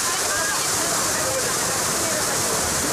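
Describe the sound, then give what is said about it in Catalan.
A steady, roaring rush of falling water from the Gerber waterfall, also known as the Comials waterfall, fills the scene continuously, with faint voices of many people talking in the background beneath the broad waterfall noise. “I la recompensa és la pau que et dona l'escenari que et va apareixent al llarg de tot el trajecte i que culmina amb una traca final, la cascada de Gerber, coneguda també com el salt d'aigua de Comials.”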